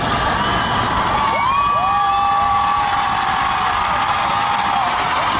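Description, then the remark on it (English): A big concert crowd cheers and screams loudly, with high-pitched shrieks rising above a dense, continuous roar of voices, reacting as the performer shows a fan's collage of her dappled sausage dog on stage. “Which is the kind of reaction I'd expect for the best dog breed in the world.”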